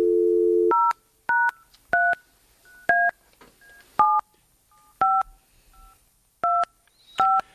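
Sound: telephone dialing tones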